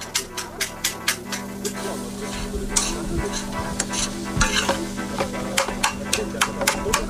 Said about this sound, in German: Und ja, jetzt hat das eigentlich auch schon voll leckere Farbe. Nach einem ersten beherzten Umrühren.